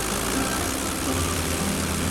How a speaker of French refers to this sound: À 7h45, son avion, un Potez 25, quitte le hangar.